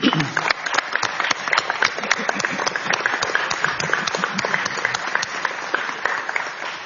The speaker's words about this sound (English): I want to thank all three of these fine staffers, wish them well in their future, and invite the committee to join me in a round of applause.